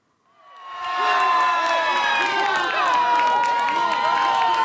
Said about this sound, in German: Für … ist es ein Schrei voller Erlösung.